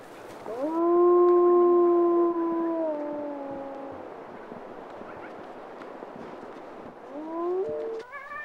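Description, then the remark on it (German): Wolves of a pack howl: a long, drawn-out howl rises and holds steady for a few seconds before sliding down, followed later by a shorter rising howl, set against a quiet outdoor background with no talking. “Und so müssen die Wölfe mit dem Riss der letzten Nacht vorlieb nehmen.”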